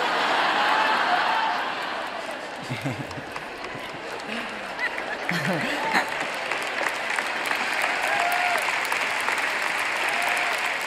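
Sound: audience applause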